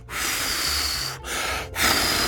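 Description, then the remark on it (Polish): Someone blows air hard in three long, breathy puffs to make wind for a sailboat in a pool, each a steady hissing whoosh with a brief pause between, the last one slightly stronger. No talking. “Ale zanim wachlarz, to spróbujmy jeszcze zrobić wiatr sami.”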